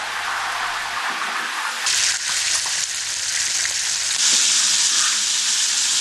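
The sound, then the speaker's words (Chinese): Steady, loud sizzling of a fish, scales left on, pan-frying in hot oil in a large wok on a big stove fuelled by dry pine needles and firewood (eight-sided fried fish), a dense crackling hiss that swells brighter partway through, with faint low clatter underneath and no voices. “做八面煎鱼的工序最讲究的是火候，大锅大灶才能提供足够的施展空间，火力的大小至关重要，松毛干柴做燃料，煎制出来的八面煎鱼才算地道。”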